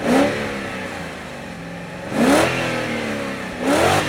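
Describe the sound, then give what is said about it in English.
A powerful 365-horsepower car engine revs hard three times, each burst rising sharply in pitch before settling back to a throaty idle, loud with no voices. “What a cool car”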